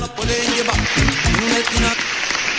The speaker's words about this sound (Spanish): Fuerte el aplauso para mayo, que ya se fue. Sí, ya se fue mayo, ya se fue.